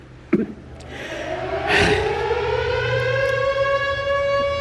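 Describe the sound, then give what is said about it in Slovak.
A civil defense siren test: the siren winds up, its wailing tone rising steadily in pitch and growing louder before holding a sustained howl, heard alone with a brief soft bump near the start. “To je čo? Skúška sirén.”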